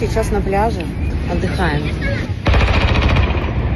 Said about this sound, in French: Nous nous reposons, dit-elle, avant d'entendre le son des armes lourdes visant des drones et de se demander où sont ses enfants.